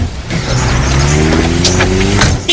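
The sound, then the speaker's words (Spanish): A car engine hums steadily with rising harmonic tones as the vehicle accelerates, joined by brief road and tire noise, fairly loud throughout. “En tu coche.”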